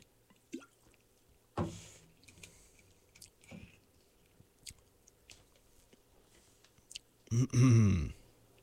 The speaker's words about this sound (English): And I had an immediate drink of water, or kombucha, or both.